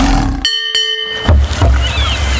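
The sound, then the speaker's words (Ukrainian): A bright bell-like chime rings briefly, then a deep, loud lion roar rumbles and growls on until the end, with no talking, in a Radio Jazz advertisement for Aznauri. “Азнаурі. Сила Лева в тобі.”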